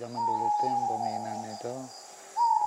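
A great Argus pheasant gives a loud, sustained whistle held on one steady pitch over a low, buzzing drone, then breaks off and starts a second whistle near the end.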